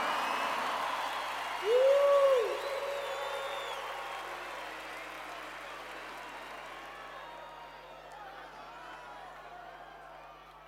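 Loud, sustained applause from a crowd fills the whole stretch, dense and steady, with a brief rising-and-falling whistle or hoot near the start before the clapping gradually eases.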